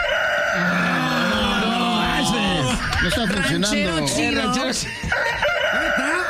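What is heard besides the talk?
rooster crowing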